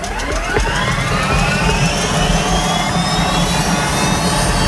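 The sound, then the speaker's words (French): A Sécurité civile helicopter at the La Vèze base starting up after refuelling for its first departure of the day: a loud, steady turbine roar with a whine that climbs steadily in pitch as it spools up, and a low rumble underneath throughout. No voices. “Maintenant que donc le plein de carburant a été effectué, que toutes les informations ont été prises auprès des sapeurs-pompiers du Jura et que les équipements, casques, baudriers ont été enfilés, il est temps de mettre en route l'appareil.”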